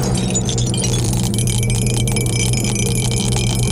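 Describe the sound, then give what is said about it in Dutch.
A die tumbles and rattles in a series of quick, irregular clicks over a steady low, humming tone, with no voices. “Nou, laat maar komen, de dobbelsteen gaat erin.”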